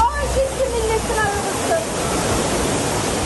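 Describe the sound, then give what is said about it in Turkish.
Floodwater rushes through a street in Karasu, Sakarya, after heavy rain, sweeping away parked cars, in a loud, steady roar that fills the whole clip, with faint voices briefly audible beneath it near the start. “Karasu'da park halindeki araçlar suda sürüklendi.”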